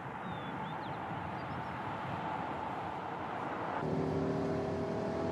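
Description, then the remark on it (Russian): A car speeds steadily along a wet road, its broad engine and road roar filling the scene, with a hissing, spray-like wash over the tires and a slight rise in engine tone near the end. “Машина Андрея несется по мокрой дороге.”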